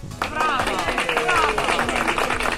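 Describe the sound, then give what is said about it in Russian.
A steady burst of applause on a radio broadcast for a winning listener: dense, continuous clapping with cheering voices mixed in, holding at an even, loud level for a few seconds. “Вам порция аплодисментов.”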